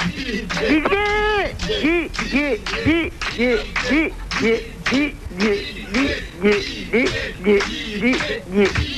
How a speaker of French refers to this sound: Si vous m'entendez, écoutez le public qui crie mon prénom.